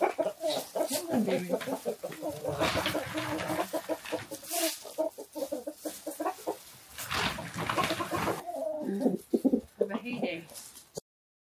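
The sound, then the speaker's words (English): Several chickens cluck continuously, a busy overlapping chatter of short throaty calls filling the whole stretch, with a few brief pauses. “Come here, chickies.”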